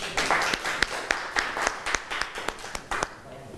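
A class of art students claps for a few seconds for a classmate's printmaking work, a dense patter of sharp, uneven hand claps with a few louder ones standing out, thinning slightly at the end. No one speaks.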